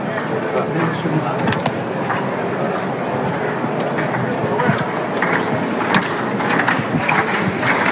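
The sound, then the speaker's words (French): A bullring crowd applauds steadily for several seconds for banderillero Mathieu Guillon, a dense wash of clapping with scattered sharper claps rising out of it, holding at a fairly even, strong level throughout. “Les applaudissements parce que Mathieu Guillon.”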